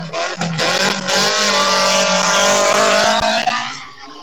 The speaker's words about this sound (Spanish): Coche a la vista. Coche a la vista, máquina número 402.